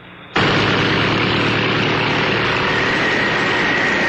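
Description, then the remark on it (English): Giant fans roar to life abruptly, whipping up winds at a little car, a Ford Pinto, unleashing a loud, steady rushing wind with a deep mechanical drone and a faint high whine, sustained without pause and with no voices. “These giant fans whip up winds that could mean trouble for some little cars.”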